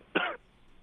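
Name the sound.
small cough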